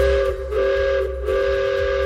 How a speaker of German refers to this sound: So klingt es jetzt endlich wieder im Achertal im Schwarzwald. Ehrenamtliche Helfer haben es geschafft, dass hier nach vielen Jahren wieder ein Dampfzug fährt.